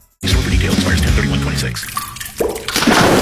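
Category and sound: sound effect, water dripping and flowing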